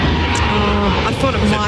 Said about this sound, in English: It's a plane. I thought it might sound like a car. Anyway, that's a fail.